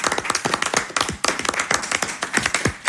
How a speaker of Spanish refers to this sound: Damos un aplauso aquí a todos los compañeros.